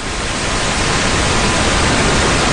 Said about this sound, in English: If we accentuate the low end, for instance, we get pink noise.